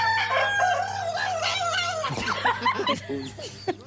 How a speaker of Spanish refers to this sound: Se ahogó, ahí se ahogó, es el gallo de Flavio.